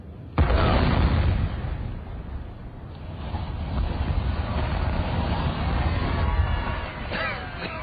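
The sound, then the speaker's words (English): A sudden, loud demolition blast erupts, followed by several seconds of heavy, continuous rumbling as a factory chimney collapses, the roar staying strong before easing slightly at the end. “We've got another factory chimney tomorrow, haven't we?”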